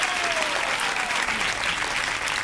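A crowd applauds loudly and steadily, dense clapping filling the whole moment without pause, with no one speaking over it.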